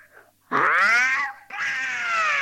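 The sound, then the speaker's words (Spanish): A cat yowls loudly in two long, drawn-out wails, the first rising then bending down, the second held steady, with a brief pause between them. “Ay, hasta el gato quedó con los pelos de punta con ese auca, ¿eh?”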